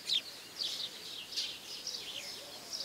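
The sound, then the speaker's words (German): Tree sparrows nesting in a small wooden nest box with an entrance hole chirp continuously in a busy, overlapping chatter of bright, high calls, fairly quiet, with no pauses across the few seconds. “Ganz korrekt heißt diese Spatzenart Feldsperling.”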